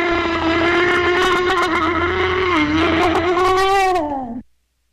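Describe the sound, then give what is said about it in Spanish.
A loud, drawn-out straining cry from a person straining on the toilet, a single strained vocal groan held for about four seconds with a buzzing, wavering pitch that sags slightly before cutting off abruptly into silence. “Ese grito es de la vida real de la pujadera.”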